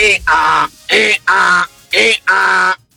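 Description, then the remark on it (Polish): A voice imitates an angry donkey bray, three loud, harsh hee-haw cycles in quick rhythmic succession, with no other talking. “A ten to się wkurzył nie, strasznie. To jest osioł, który marzy o karierze jako kierunkowskaz.”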